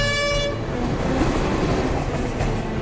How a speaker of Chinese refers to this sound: 作为全国最重要的交通干线之一，每隔5分钟就有一趟列车呼啸而过。桥上列车飞驰，桥下建造者们正争分夺秒地抢修桥梁。